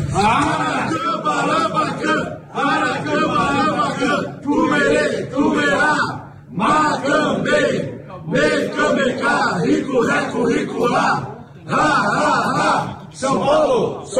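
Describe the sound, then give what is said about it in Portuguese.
A crowd chants a loud war cry in unison, voices rising and falling in rhythmic bursts with brief pauses between phrases, sustained and energetic throughout. “Tá todo mundo pedindo o WhatsApp aí de novo, esse grito de guerra aí.”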